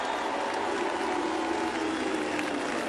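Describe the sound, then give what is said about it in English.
A crowd at a parade applauds Fremantle captain Alex Pearce steadily for about three seconds, a dense, even wash of clapping at constant loudness, with a few cheers mixed faintly into the noise. “Give it up for Alex Pearce, the Fremantle captain.”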